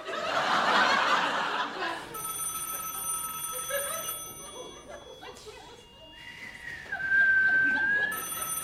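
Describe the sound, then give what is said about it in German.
A telephone rings in steady, bright tonal bursts after a short outburst of snickering laughter, with a gliding whistle-like tone in between and the ringing returning at the end. “Dann nimm mal meine Brille, dann siehst du, dass es klingelt.”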